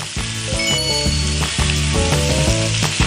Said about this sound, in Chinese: 哇，这糟辣椒一下锅啊，这个酸味儿、辣味儿都出来了。